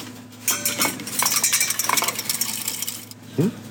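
Freeze-dried soup being stirred into boiling water at the Östersund municipal meal service in Sweden: a spoon scrapes and clinks against a metal pot in quick, uneven strokes, with a louder clatter right at the end. No one speaks.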